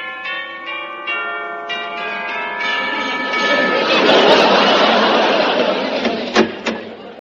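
A doorbell chime at a small house with a rose garden in Kew Gardens rings out a sequence of clear, overlapping tones that linger and blend, then fade beneath a swelling wash of noise, with a couple of sharp clicks near the end.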